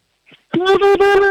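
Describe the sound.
A 4-year-old child from Leoben in Styria gives a loud war whoop: one high sustained vocal tone chopped into quick rhythmic pulses, after a brief soft breath.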